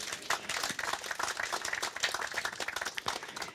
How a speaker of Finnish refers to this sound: Eikö tämä ole aplodin arvoinen asia?